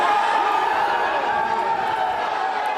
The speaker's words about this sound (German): Jubelszenen vor einem Gerichtsgebäude in Los Angeles.